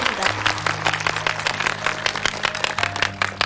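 An audience applauds a singer after a song, a dense, continuous patter of many hands clapping for several seconds, with a low sustained tone humming underneath.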